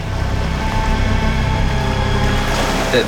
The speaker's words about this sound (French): Dans la baie où ils sont, l'eau est peu profonde. En manœuvrant pour faire demi-tour, les moteurs des mini-sous-marins créent du remous.